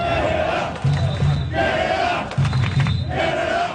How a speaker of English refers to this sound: That is a huge group of fans marching from Toronto's Trinity Bell Woods Park to Toronto Stadium this hour. It's a show of support for Team Canada.